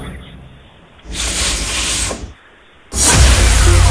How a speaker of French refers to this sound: Un défroisseur vapeur. Défroisseur vapeur, oui, effectivement. Prendre un vêtement, par exemple, afin de le défroisser.